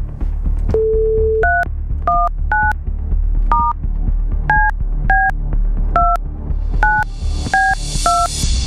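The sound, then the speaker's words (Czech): A short steady tone gives way to a quick series of about ten touch-tone beeps as a phone number is dialed by the Rádio Blaník morning show to call a listener, each a brief two-pitch chirp over a low hum, with faint hiss rising at the end. “Pojďme volat.”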